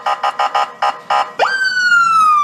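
A siren from one of three to five Yunus police motorcycles, sounded at a car entering a street, gives six quick, loud electronic chirps, then rises into a long, steady high wail that slowly sags in pitch, with no voices.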